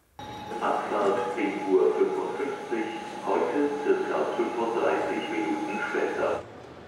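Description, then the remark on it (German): Busy ambience at Hannover main railway station, Germany, on an ordinary day: a steady wash of indistinct crowd chatter and echoing footsteps, with a faint chime-like tone and rail noise underneath. “Ein ganz normaler Tag am Hauptbahnhof Hannover.”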